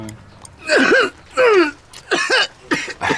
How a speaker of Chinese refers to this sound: 哎，你老咳嗽什么呀？